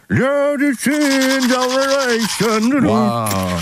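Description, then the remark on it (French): Someone hums a muffled, wavering tune while brushing their teeth, the melody sustained over a steady scratchy scrubbing sound, fairly loud. “La brosse à dents pour nous chanter cette chanson.”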